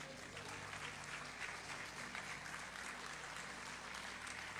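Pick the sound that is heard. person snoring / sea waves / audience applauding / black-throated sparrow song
audience applauding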